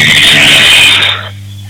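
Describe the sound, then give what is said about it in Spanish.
A motorcycle with a loud, raspy open straight-through exhaust roars past, its harsh engine noise holding steady for about a second before dropping away to a low lingering hum. No voices. “Sí, no, paso la moto por acá con un caño de escape a la chapa, paso.”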